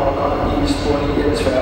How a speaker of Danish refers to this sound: Ja, toget, der afgår i spor 9, er desværre blevet aflyst. Den slags meddelelser, og måske også bare dem der med lidt forsinkelser og så videre, ja, dem er der måske lidt for mange af.